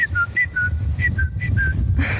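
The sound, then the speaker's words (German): A person whistles an imitation of the call of a particular bird heard early in the morning in spring: repeated two-note phrases, a higher short note dropping to a longer lower one, four times in a steady rhythm, clear over a low background hum. “Das ist so ein ganz bestimmter Vogel, den ich da früh immer höre.”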